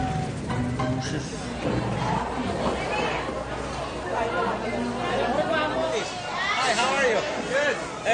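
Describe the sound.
A dense crowd of voices at a market chatters and calls out over one another in a continuous, lively babble, with overlapping shouts rising and falling at a steady, fairly loud level throughout.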